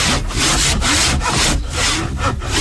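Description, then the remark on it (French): A rasp or file scrapes back and forth across wood in steady, rhythmic strokes, about five or six gritty passes, loud with no voices, roughing out a wooden piece before sanding. “La lime, la râpe.”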